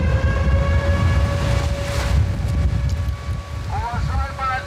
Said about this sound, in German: Ein stürmischer Tag, aber ansonsten scheint alles ruhig zu sein. Doch dann Luftalarm, mitten am Tag. Offenbar stört das ja niemanden. Der Sound hier in diesem Sommer, Meeresrauschen mit heulender Sirene.